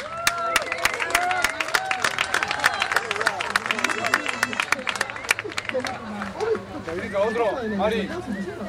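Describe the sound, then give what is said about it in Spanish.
Audience applause: a burst of sharp, scattered hand claps from a crowd, loudest at first and thinning out, with excited voices and cheering mixed in throughout, applauding the girls who will read on the programme. “Aplauso fuerte para ellas.”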